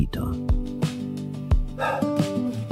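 A dog barks several times in quick, irregular succession, fairly loud, with a whiny, drawn-out vocal tone carrying between the sharp barks.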